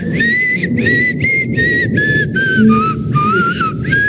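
Someone whistles a melody, a string of steady, sustained notes separated by brief breaths, loud and clear over a murky low background rumble.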